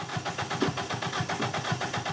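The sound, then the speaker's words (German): A car engine cranks and sputters into life after starter spray is used, with a quick, rhythmic chugging pulse that holds steady for a couple of seconds. No one speaks. “Der Motor springt an, aber das Glück ist nicht von langer Dauer.”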